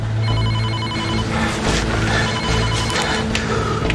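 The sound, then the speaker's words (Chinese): A telephone rings with a bright, rapidly pulsing electronic trill, repeating in short bursts over a steady, busy background hum with no one speaking. “别让他知道我是谁。你接电话，把他吓唬。”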